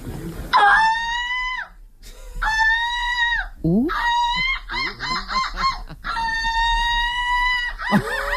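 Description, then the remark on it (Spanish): A person, the silver medallist of a gull-call imitation championship, imitates gull calls: several loud, drawn-out nasal wails, a quick burst of short staccato yelps in the middle, and a brief final cry. “Para mejorar la imagen pública de estas aves marinas. Hay alguien que ha ganado la medalla de plata de este campeonato.”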